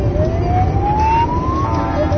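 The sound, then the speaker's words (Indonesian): An emergency vehicle siren wails with a slow, steadily rising tone, heard clearly over a continuous low rumble of road traffic and engine noise. “Kalau ada bunyi sirene kendaraan lain yang mau lewat, nanti tidak kedengeran.”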